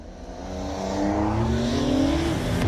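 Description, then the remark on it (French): A classic petrol car with no electronic driver aids accelerating during a timed run without launch control, its droning harmonics climbing in pitch as the revs rise and the sound grows louder, with no voices. “Mais pour le moment, les moteurs thermiques, moi, ça me va déjà super très bien.”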